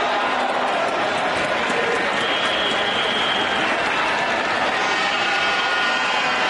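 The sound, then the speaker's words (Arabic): A large stadium crowd of Cameroonian fans at a women's Africa Cup of Nations football match roars and cheers continuously, a dense wash of voices and clapping at steady, loud intensity throughout. “هنا الجمهور الكاميروني، لبوات الكاميرون حتى الآن ينجحنا بتحقيق الانتصار بهدف كان في الشوط الأول،”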